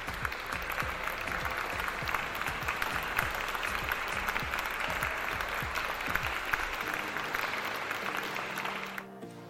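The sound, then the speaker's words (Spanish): Sustained audience applause, a dense wash of many hands clapping steadily at fairly loud level for several seconds, then quickly tapering off at the end. “Los aplausos, ¿dónde están los aplausos?”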